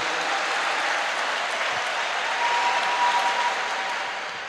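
A large crowd at a PHN gathering applauds God steadily, a dense, continuous wash of clapping that holds loud throughout with a faint tone drifting underneath near the end.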